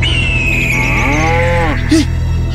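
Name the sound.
cow mooing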